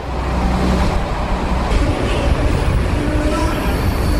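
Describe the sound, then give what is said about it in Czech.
A yellow motorized universal rail cart used by technicians to carry machines rumbles steadily along a metro tunnel track while the power is switched off, a loud, continuous low engine drone with rattling wheels and faint whining tones echoing in the tunnel. “Pracovníci v metru vypnou elektřinu, běžné soupravy nahradí motorové univerzální vozíky, takzvané MUVky.”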